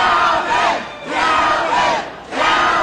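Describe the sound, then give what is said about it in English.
An exuberant crowd in New Orleans on election night, November 15, 2025, cheers and shouts to celebrate Calvin Duncan's election as clerk of criminal court, in three rolling surges, each swelling and briefly dipping before rising again, with no single clear voice standing out. “On November 15, 2025, election night, an exuberant crowd gathered to celebrate Calvin Duncan,”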